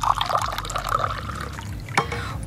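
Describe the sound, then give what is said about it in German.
Lime water splashes steadily into a glass for a couple of seconds, a bright gurgling pour with a sharp clink near the end and no talking. “Dann gieße ich Ihnen mal gerade auch etwas ein.”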